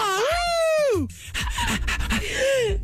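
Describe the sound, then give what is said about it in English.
A person howls the rising and falling melody of a song like a wolf, a loud vocal wail with rich harmonics, followed by a shorter, quieter howl after some rustling and breathy sounds. “I was trying to do the melody of the song, and I think me using the dog's hairbrush this morning is bringing out a dog in me.”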